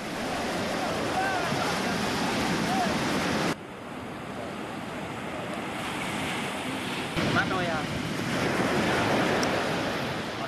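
Steady ocean surf rushes and roars against the shore, a dense, continuous wash of breaking waves with some wind noise, loud throughout.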